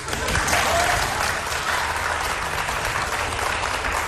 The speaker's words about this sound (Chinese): 谢谢您的掌声鼓励。 哪有掌声啊？